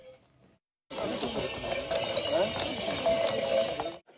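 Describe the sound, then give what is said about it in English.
Horses at the Chagu-Chagu Umakko Festival in Iwate Prefecture, Japan, trot past carrying children along a 14-kilometer route, a steady clip-clop of hooves mixed with many small bells hung around their necks jingling, fairly loud over a busy outdoor background, with faint murmuring voices. “The animals at the event carried children on their backs and trotted along a 14-kilometer route.”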